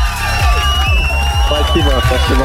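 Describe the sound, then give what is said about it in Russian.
A loud crowd cheers and whoops in a sustained burst, voices rising and overlapping, with a steady thumping rhythm underneath. “Эти аплодисменты для тебя и колонка тоже.”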